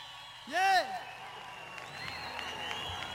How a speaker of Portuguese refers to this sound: Uma salva de palmas também à produção do evento, por favor.